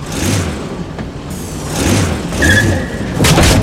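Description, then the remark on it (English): A small remote-controlled car, driven by drawing a finger across the remote control's pad, whirs and rumbles, surging in a few bursts, with a brief high tire squeal as it skids and some low thuds. No one speaks. “Now, draw your finger very slowly across the pad to drive the car.”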